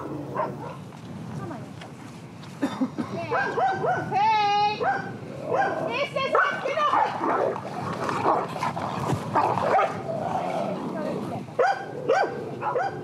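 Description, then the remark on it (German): Two female dogs, a young dog and a somewhat older dog, both dominant, squabble over rank out on a pasture, trading sharp yelps, high whines and snarling barks in a tense, uneven scuffle that flares in bursts and never quite settles. “Ein Junghund, ein etwas älterer Hund, beide recht dominant, zwei Hündinnen.”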